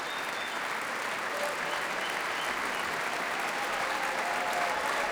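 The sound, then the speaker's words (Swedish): Sustained applause from a large audience in the Bergvalldhallen concert hall after a performance of Mozart's Requiem, broadcast live on P2, as choir, orchestra and soloists stand to receive it; a dense, steady wash of clapping that stays even and fairly loud throughout, with no talking over it. “Det applåderas fortfarande här i Bergvalldhallen där P2 alltså sänder direkt.”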